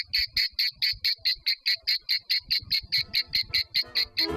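A cicada chirps in a fast, steady rhythm of shrill, buzzing pulses, about four or five per second, fairly loud, with faint low rumbling in the background toward the end.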